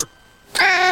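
A single loud, drawn-out, tonal cat meow rings out halfway through after a short quiet pause and continues to the end with no talking. The cat is being let into a new apartment first.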